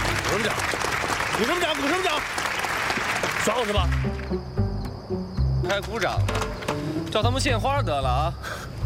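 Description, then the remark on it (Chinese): A crowd's dense, crackling clapping, given on a shouted command, fills the first few seconds under overlapping voices, then gives way to a steady low droning tone with people still talking. “鼓掌！鼓什么掌？”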